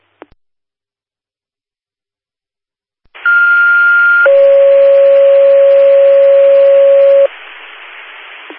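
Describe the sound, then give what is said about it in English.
Two-tone fire dispatch radio paging alert for Linda Fire, general tones for a medical alarm activation at 1250 Bluegrass Street: a steady high tone for about a second, then a longer, lower steady tone for three seconds, both over a hiss of radio static, loud and clear. “General Tones for alarm activation, medical alarm activation for 1250 Bluegrass Street.”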